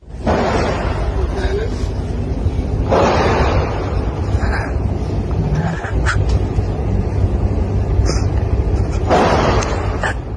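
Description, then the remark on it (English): Three sharp gunshots, recorded on a mobile phone by a student in a classroom during a school shooting on the outskirts of Bangkok, crack out at uneven intervals over a constant murmur of hushed voices, gasps and stifled weeping of pupils crouching under their tables. “Three shots, but you could also probably just hear there the gasps later on you hear on this bit of footage, stifled weeping as the pupils clad in their blue uniforms crouch on the floor underneath their tables trying to stay as quiet as possible.”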